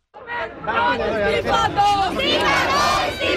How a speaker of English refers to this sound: I've heard lots of slogans being shouted, calling for the education minister, Dharmendra Pradhan, to resign, which of course is the key main first demand that these protesters are making.